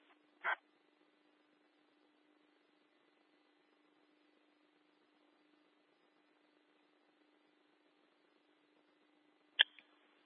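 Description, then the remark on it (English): Two short barks from dogs at a scene in Vista, one at the start and another near the end, separated by a long stretch of low, steady electrical hum. The barks sound fairly faint, with no talking. “the deputy is saying the dogs are friendly, just a little territorial, but they do not have any food or water.”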